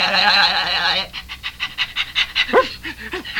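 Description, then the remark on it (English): Dogs panting in quick, rhythmic bursts of breath, steady for a few seconds after a short, high tonal sound at the start. “nothing but a bunch of dogs.”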